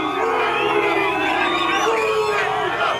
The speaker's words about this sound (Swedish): Ja, utanför hotellet ackompanjerades den engelska spelarbussen av intensiva burop från mexikanska supportrar.